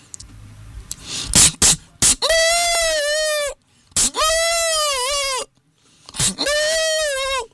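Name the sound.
goat bleating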